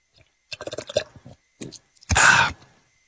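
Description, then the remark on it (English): Mouth noises: a few wet lip smacks and small clicks as someone takes a little sip of water, followed by a short, breathy swallow and exhale, with no talking. “Little sip of water.”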